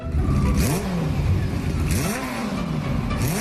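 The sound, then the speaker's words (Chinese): A motorcycle engine revs and strains repeatedly on a narrow, rough mountain road as it follows a white pickup truck carrying sheep, its pitch rising and falling in surging waves, loud, with a rough, sputtering mechanical rattle underneath. “摩托车突突突地挣扎，像一头被惹恼的野兽，恨不能直接一头撞到那时而近在咫尺，时而又把自己甩得老远的白色怪物。”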